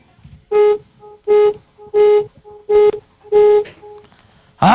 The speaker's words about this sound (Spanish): Nada más para ganar, requiero que me regales 5 bocinazos medianitos. 5.